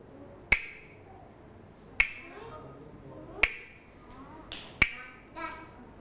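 A teacher's hand clapper gives sharp, bright wooden clacks as a signal for children's movement exercise: four evenly spaced strikes about a second and a half apart, with a couple of softer taps slipped in near the end. No one speaks.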